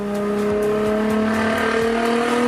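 A sports car engine revs loudly and continuously, its steady harmonic roar slowly climbing in pitch over a couple of seconds, with no voices.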